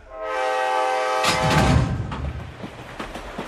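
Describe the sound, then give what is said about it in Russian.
A loud train horn sounds for about a second, then gives way to a rumbling train with scattered, rhythmic clacks of wheels on the rails. No one speaks. “Представьте, мерный стук колес, запеченная курица в фольге и чай в подстаканнике.”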